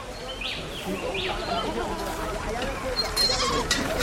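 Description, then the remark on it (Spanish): Goats bleat in a corral as they are led out by their reins, a couple of short wavering cries early on over a steady outdoor background, with indistinct voices murmuring underneath. “Toma las riendas de las cabras y sale del corral.”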